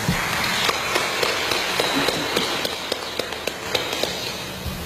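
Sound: applause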